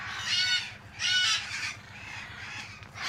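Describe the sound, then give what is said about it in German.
Harsh, raucous screeches of red-fronted macaws ring out in about three loud bursts separated by brief pauses, with a low rumble of background noise and no talking; the macaws are in a large aviary at Loro Parque, where two of them are to be caught. “soll aus einer Großvoliere zwei Rotohr-Aras holen”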